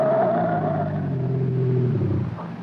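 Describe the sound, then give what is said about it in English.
A car engine roars loudly as the driver floors the gas pedal, its deep growl rising and straining steadily for a couple of seconds before easing slightly at the end. “I slammed the gas down all the way.”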